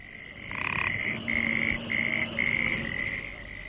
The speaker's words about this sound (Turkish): Gelenler önce kurbağa sesinden başka bir şey duymadılar.